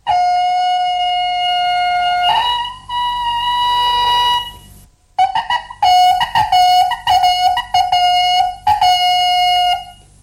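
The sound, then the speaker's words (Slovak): A small whistle made of cow horn and goose quill, blown by vineyard guards to give signals, sounds loud with a shrill, reedy tone: two long held notes, the second slightly higher, then a quick series of short blasts. No one speaks. “Okrem toho mali aj malý rožok z kravského rohu a husieho brka, na ktorom pískali určité signály.”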